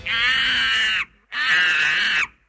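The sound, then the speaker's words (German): A monkey screeches loudly twice, each shrill, piercing cry lasting about a second with a short gap between them. Nothing else is heard. “Naja, okay, eigentlich war das ein Affe, der kreischt, aber so ungefähr hört sich das auch bei mir an, wenn ich auf der Achterbahn bin.”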